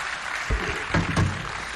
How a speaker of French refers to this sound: Je vous remercie pour votre aimable attention. Voilà, merci. Encore des applaudissements, mesdames, messieurs.